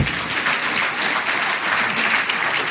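A crowd claps steadily for a few seconds to applaud a piece of advice about being responsible, a dense, even wash of applause with no voices standing out and no break in the sound.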